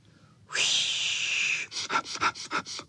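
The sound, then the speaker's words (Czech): Several dogs sniffing together at a burdock plant: a long, loud breathy hiss, then a quick run of about six short, rhythmic snuffling bursts. No one speaks. “Zafičelo to, jak všichni psi čichali k lopuše, která se třásla jako osíka, ale teď se nesmála, protože bylo zlé.”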